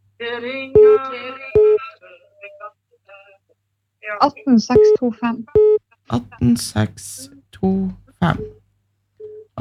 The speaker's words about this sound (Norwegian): Det ringer hör vem kan det vara?